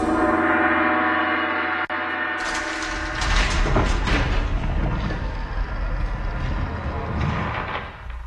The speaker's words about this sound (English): Tap on that gong there, would you, Tin Man? Axe or Knuckles? Knuckles.